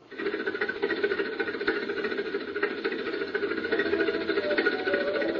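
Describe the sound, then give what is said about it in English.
A steady mechanical engine drones and rattles for several seconds as it hoists a stone slab weighing about 70 tons in the desert at sunset, a dense continuous grinding hum at a constant loudness, as if straining under the heavy load. No one speaks. “Glad we got the engine. That slab weighs about 70 tons.”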